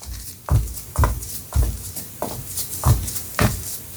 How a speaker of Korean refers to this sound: 바닥을 때리는 발소리가 현관문으로 향했다.